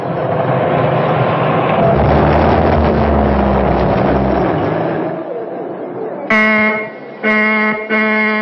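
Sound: car horn honking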